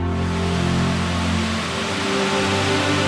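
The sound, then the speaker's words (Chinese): A steady, unbroken roar of a waterfall hanging on a steep cliff of Cangshan Mountain, northwest of Taibo Peak, dropping over 150 meters into nine pools in turn on the rock wall (Jiulong Pool); a dense hiss spread evenly through the whole clip, with low sustained humming tones underneath and no voices. “太伯顶西北，苍山陡峭崖壁上，高悬一条飞瀑，瀑布依次跌入石壁上的9个水池中。”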